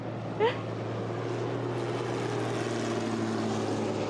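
A Pitts aerobatic propeller airplane with a Lycoming AEIO 540 engine of about 360 horsepower drones steadily throughout, a loud, continuous low hum with a broad roar on top and a brief higher chirp near the start.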